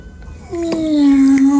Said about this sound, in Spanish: ¡Miau!